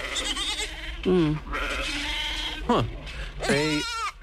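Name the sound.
goats bleating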